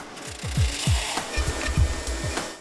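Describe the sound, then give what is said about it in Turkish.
Wood for Gibson guitar making being run through a wide-belt sanding machine: a steady rasping, grinding hum with repeated low sweeping bursts as pieces pass through, fairly loud, with no voices. “Ahşap geniş bant aralığında bir zımpara makinesinden geçirilir.”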